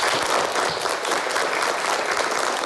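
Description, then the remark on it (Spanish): A classroom full of people in a Galician village clapping together to welcome a new classmate, a dense, steady patter of many hands that holds at an even loudness throughout, with no talking over it. “Y vamos a recibirle con un aplauso.”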